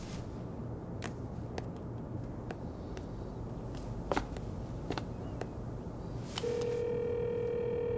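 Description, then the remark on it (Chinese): A series of short keypad tones taps out a number at uneven intervals over a low background hum, then a steady ringback tone starts and holds at the end. “我先管不了那么多了，你先给夏丽强打电话吧。”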